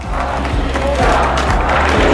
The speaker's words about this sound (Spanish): Y queríamos acordarnos de ella, así que un fuerte aplauso para María, que está viéndonos desde arriba.